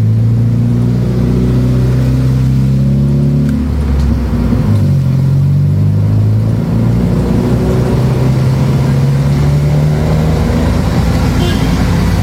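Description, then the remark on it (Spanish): Loud, steady rumble of car engines in traffic as traffic officers direct the flow so cars can move, especially southbound, with low droning tones shifting in pitch as motors idle and accelerate, continuing throughout with a busy street wash behind. “Los agentes de tránsito dando el fluido correspondiente para que los carros puedan avanzar, especialmente al sur.”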